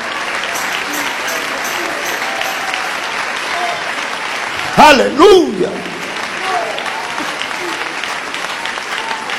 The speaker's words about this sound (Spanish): Si lo crees, dale ese aplauso de alabanza.